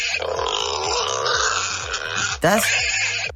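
A busy jumble of short, squealy grunts and snorts from young wild boars, overlapping in quick succession with a louder burst of squealing near the end.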